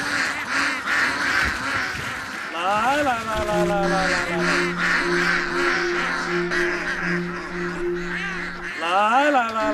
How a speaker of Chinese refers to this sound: 此刻，一群鸭子正高兴地奔向他们的午餐。